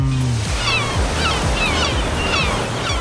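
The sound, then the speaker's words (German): Ocean surf washes steadily onto the shore, a full, continuous roar of breaking waves that stays loud throughout, with no voices. “ich habe Urlaubssehnsucht, die teile ich gerne mit euch. Sehnsucht nach Meer.”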